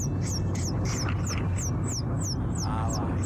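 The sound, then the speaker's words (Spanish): A person imitates a newborn chick with a rapid series of high, thin, downward-sliding peeps, about a dozen in steady rhythm, clear over a low, constant background rumble. “Pollito recién nacido.”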